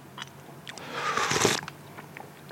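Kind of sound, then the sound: food or drink, slurping a drink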